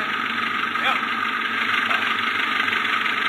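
A car engine roars steadily and loudly throughout during a race, a dense continuous drone with a slight rough rumble.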